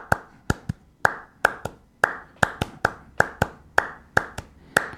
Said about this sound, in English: Yeah, so we can go into clapping music where he's starting certain pattern. You can even call it algorithm where it goes.